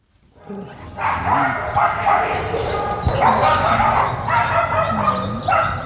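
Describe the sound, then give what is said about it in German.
A dense chorus of many dogs in shelter kennels, living in close quarters behind bars, barking and yelping at once, overlapping continuously and reverberant, with occasional whimpers and higher yips mixed in. “Und so ungefähr hört sich's an, wenn viele Tiere, meist Hunde, auf engem Raum zusammenleben, meist hinter Gittern und sich vielleicht wundern, wo eigentlich ihre Eigentümer abgeblieben sind.”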